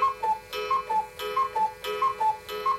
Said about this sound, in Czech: A že jsme z jedné rodiny, zdědili jsme po dědečkovi jedny kukačkové hodiny.